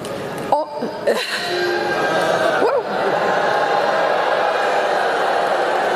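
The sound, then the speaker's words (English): A large crowd of college graduates in Florida boos their commencement speaker after she calls artificial intelligence the next industrial revolution: a dense wash of many voices that swells after a brief opening moment and holds at full volume to the end. “College grads in Florida clobbering their commencement speaker with boos after she said this.”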